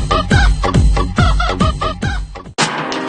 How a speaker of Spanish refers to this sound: Tiene pollo. Ahí está. Ahí. Y es un pollo.